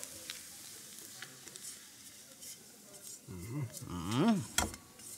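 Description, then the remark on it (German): Onions and marjoram sizzle steadily and brown in a frying pan, a soft continuous crackling hiss, with a man's voice starting to talk over it near the end. “Das ist gut gebräunt. Sehr schön gebräunt. Die Pfanne brauchen wir nicht mehr.”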